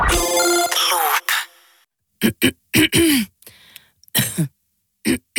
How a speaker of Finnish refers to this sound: Hei, älä suotta köhi. Ota Kellorevoise. Tämä on erilainen kurkkutabletti.